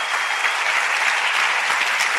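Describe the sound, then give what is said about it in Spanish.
A crowd applauds the King (God) with steady, dense clapping that stays loud and full throughout, like a large audience clapping enthusiastically together, with no clear voices standing out above it. “Si va a aplaudir al Rey, dele con ganas y grite un fuerte amén, por favor.”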